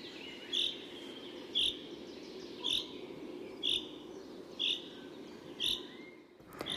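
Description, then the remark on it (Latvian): A chaffinch repeats its short, grating rain call, which resembles the sound of a grater, six times at a steady pace, roughly once a second, clear over a constant low outdoor hum. “Un žubītei ir arī sauciens, ko sauc par lietus dziesmiņu. Tas atgādina tādu rīvītes skaņu.”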